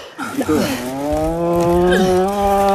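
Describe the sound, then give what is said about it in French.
A cow at risk of dying from hemorrhage lets out a long, loud, drawn-out moan of distress, sustained and strained for a couple of seconds, while people hold its tail and pull on a leg. “J'aime pas tes bruits, ma belle.”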